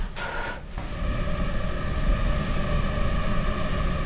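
A swarm of female tiger mosquitoes, bred for research in a very warm, humid lab room inside a large white mesh cube, buzzes in a steady, continuous high-pitched drone, layered whining tones holding level throughout, reacting to breath blown into the cube, with a brief rustle of air at the start and no voices.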